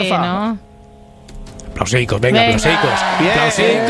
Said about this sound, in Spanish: Aplausicos.